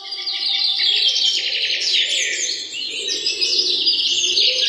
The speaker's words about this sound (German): Das Morgenlicht schien zwischen den Blättern der Bäume hindurch und man hörte das nahe Zwitschern einiger Vögel.